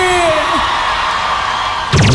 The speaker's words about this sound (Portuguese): Uma salva de palmas e um grito bem forte pra boiadeira aí!